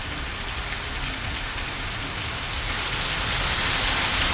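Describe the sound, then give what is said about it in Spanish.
Heavy rain pours down outside a radio studio in a steady, dense hiss with a low rumbling undertone, loud and continuous throughout, no voices present. “me dice que no escucha nada porque es tan fuerte la lluvia.”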